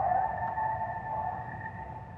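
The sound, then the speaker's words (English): A North American coyote howls in one long, sustained tone that holds steady and clear without breaking, set against a low rumbling background. No one speaks. “The coyote, a native species of North America, and for thousands of years revered by indigenous people, in many cultures believed to be the very creator of life.”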